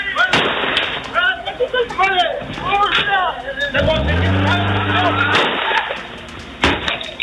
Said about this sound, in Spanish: De acuerdo a videos de cámaras de seguridad que se han difundido, se observa cómo se percutan varios disparos desde un vehículo en movimiento, aparentemente contra personas que estaban en la calle. Este es parte del audio ambiente.